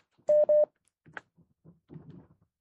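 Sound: telephone dialing tones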